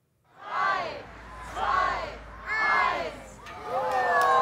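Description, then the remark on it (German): A crowd of spectators on the bank of the Itterbach in Urdenbach cheers and shouts at a neighbourhood rubber duck race with hundreds of ducks, in four swelling bursts, high excited voices, including children's, rising and falling in waves of enthusiasm. “Und jede hat ihre eigenen Fans, die am Ufer des Itterbachs mitfiebern.”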